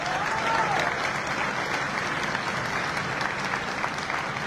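Sustained applause from an audience, a steady dense wash of many hands clapping at an even loudness for several seconds, with no voices standing out.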